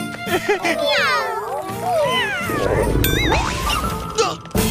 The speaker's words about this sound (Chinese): 哇，可爱的小猫们，他们是你的朋友，我说的对吗？